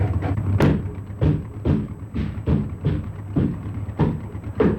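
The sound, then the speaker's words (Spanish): Heavy, repeated thuds strike at a steady pace, about eight blows in under five seconds, each a dull low impact with a brief bright crack on top, as a door is being battered down. “¡Rápido, que están echando abajo la puerta!”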